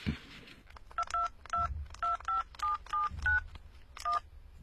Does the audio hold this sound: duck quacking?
no